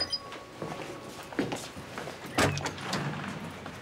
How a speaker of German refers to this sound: mach die Tür auf. Bestätige bitte den Sicherheitscode. 7844.